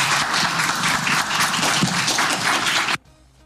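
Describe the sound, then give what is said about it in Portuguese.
Journalists give Bubista a standing ovation at the end, applauding with dense, steady clapping that stays loud and even for about three seconds, then cuts off abruptly into near silence. “E eu fui um dos jornalistas que aplaudiram em pé o Bubista ali, que puxaram esses aplausos no final.”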